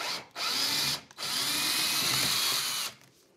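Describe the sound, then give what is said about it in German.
A cordless screwdriver whirs in two bursts, a short run followed by a longer steady one of about two seconds, its motor whine loud and buzzy before stopping. “Und nochmal einen Akkuschrauber.”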